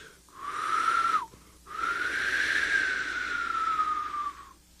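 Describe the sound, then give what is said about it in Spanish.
Someone blows out two breaths, a short puff and then a much longer one, each airy and rushing with a faint whistling tone riding steadily through it. “los sopló hacia el sol de mediodía.”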